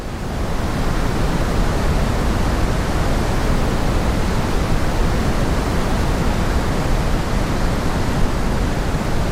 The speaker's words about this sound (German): Pink Noise oder eben rosa Rauschen klingt so.